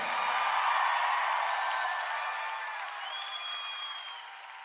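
An audience applauding the Lord during a worship service, a dense, steady wash of clapping with scattered high whoops and cheers, fading slightly toward the end.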